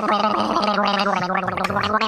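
A person gargles loudly and steadily for about two seconds, a bubbly, voiced rattle whose pitch wobbles throughout, with no talking.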